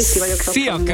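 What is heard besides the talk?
food sizzling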